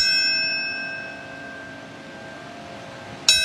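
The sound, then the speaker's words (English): A bell rings at a 9/11 anniversary memorial ceremony, with a long, shimmering decay that slowly fades, then is struck again sharply near the end, its bright overtones sounding out clearly with no voices. “What comes to mind when you hear those bells?”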